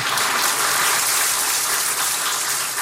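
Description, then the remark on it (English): A crowd applauds steadily for Mr. Shu Ling Wan, Executive Chairman of the Central Group, after his remarks, a dense, even wash of many hands clapping at full volume throughout, with no voices heard over it. “Please, one more time, a round of applause.”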